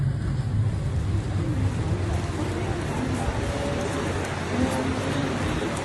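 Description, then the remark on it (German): A ferry's steady engine rumble with a low droning hum, wrapped in a continuous wash of water and wind noise, loud throughout without pause, during a roughly 40-minute crossing from a harbor to Hormuz Island. “Nach ungefähr 40 Minuten mit der Fähre erreichen wir die Insel Hormuz.”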